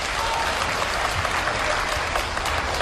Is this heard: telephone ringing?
no